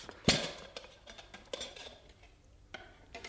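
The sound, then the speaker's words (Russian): Kitchenware clatters: a sharp metallic clank from a small pot and a plate, followed by several lighter knocks and clinks spread over a few seconds, with no voices. “Он вернулся в гостиную, держа в руках всего-навсего маленькую кастрюльку и тарелку.”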